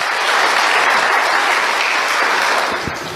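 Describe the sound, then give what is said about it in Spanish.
An audience applauds for everyone watching the service, a dense, steady wash of many hands clapping at a loud, even level that eases slightly toward the end. “Demos los aplausos a todos los que están mirando.”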